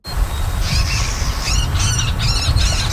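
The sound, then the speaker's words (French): A marsh bird gives a series of loud, harsh squawking calls in quick bursts, repeated several times over steady low rumbling background noise, heard in a marsh on the island during the Birds Canada marsh monitoring program in June. “Une douzaine de passionnés parcourent actuellement les côtes et les terres pour recenser les oiseaux, comme le buteur d'Amérique”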